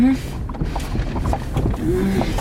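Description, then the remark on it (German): Sheep bleating in the cold: a short bleat at the start and a longer, wavering one near the end, low-pitched and moderately loud over a steady low rumble. “Selbst den Schafen ist hier kalt.”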